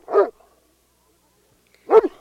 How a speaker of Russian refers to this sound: Что такое? Почему Мишка лает так сильно? С чего это он? Посмотрите на него, он просто рвется с поводка. Я слышу Мишку, Он никогда так не лает.